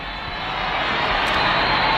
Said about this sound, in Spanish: La ola del grito se acerca a ti, Elena. Sí, sí, debe estar cada vez más cerca, ya te digo, no puedo confirmarlo, pero se intuye.